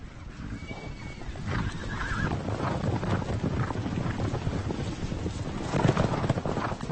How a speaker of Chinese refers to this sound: 就在这个时候，一群科尼卡野马跑了过来，他们包围了一头小鹿。